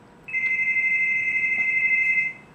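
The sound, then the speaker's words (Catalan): A telephone rings with one steady, high electronic tone lasting about two seconds as a call comes in to a radio programme, clear and fairly loud over a faint background hum, with no one speaking. “Tenim un telèfon.”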